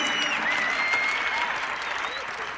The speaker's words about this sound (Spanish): Ayúdame con tus palmas aquí.